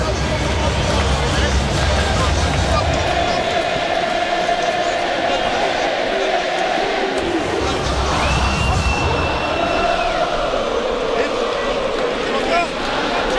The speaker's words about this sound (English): Baltimore crowd in full voice. I told you earlier, they're 90% South Africans.